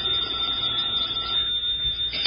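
A telephone rings with a steady, fairly loud metallic trill that runs unbroken for a couple of seconds, with no one speaking; the call is from Oliver Niles.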